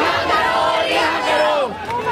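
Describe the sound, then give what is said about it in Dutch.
A loud crowd of protesters in India marching towards the Supreme Court, chanting slogans together such as "Long live Rahul Gandhi" and "long live the revolution", many voices raised in unison in a dense, sustained roar that dips briefly near the end. “Lang leve Rahul Gandhi, roepen ze hier.”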